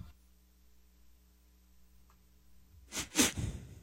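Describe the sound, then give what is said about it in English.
A quiet hum, then near the end a person makes a quick run of three or four short, breathy sniffs, loud against the near silence. “You don't have to sniff. Like, you don't need to make noises.”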